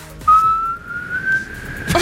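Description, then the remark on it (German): A person whistles a clear tone that holds for over a second and slowly glides upward, the start of the children's song Alle meine Entchen, with no talking. “Alle meine Entchen klingt so.”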